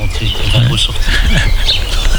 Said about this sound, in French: Mais, mais les oiseaux, on les entend aussi.